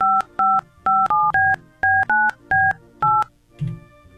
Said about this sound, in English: Did you dial the one? Yeah, I did. Apparently, it's ringing.